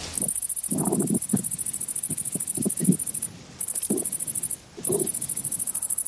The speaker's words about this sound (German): Das klingt nach einem Grashüpfer. Ein Grashüpfer, genau, die Grashüpfer. Und die ist ja ganz spannend, wie die Grashüpfer ihre Geräusche erzeugen. Da summt nichts, da brummt nichts.